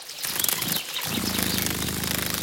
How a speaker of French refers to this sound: On dirait un bourdonnement. Nous sommes au bord d'une mare. Cette bestiole fait un bruit très léger qui ressemble à un vrombissement. J'ai trouvé! C'est la libellule. Elle adore les eaux calmes et stagnantes.